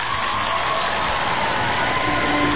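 Steady, loud applause from a crowd, a dense crackle of many hands clapping that holds at an even level for a couple of seconds, with faint cheering mixed in.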